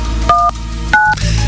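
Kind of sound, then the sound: signal or alarm, telephone number being dialed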